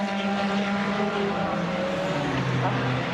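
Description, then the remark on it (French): The No. 19 Genesis GT race car of Genesis Magma Racing, driven by Dani Giuncadella, roars along the track, its loud, buzzing engine note holding steady, then dropping in pitch and climbing again as it shifts through its run. “Cette voiture actuellement entre les mains de Dani Giuncadella.”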